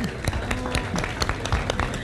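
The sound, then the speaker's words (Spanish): An audience claps in a dense, steady patter of overlapping hand claps, moderately loud, with a faint murmur of voices beneath, welcoming the national asado (barbecue) champion. “Y yo les pido un aplauso para recibir a la campeona nacional del asado,”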